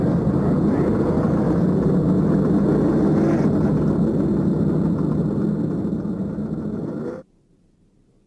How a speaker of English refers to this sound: Gentlemen, start your engines. There's the command of Mary Hallman George. And the engines roar to life.